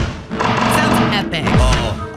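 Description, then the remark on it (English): Audio of the mobile game Smash Fest, a cannon knocking down cans: a quick series of bright thuds and clatters over steady, tuneful background music, with a swooping downward tone near the end. “This is just the throwing the cans. But you have this little cannon thing.”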